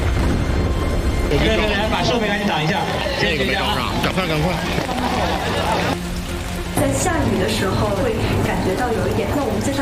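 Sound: rain falling outdoors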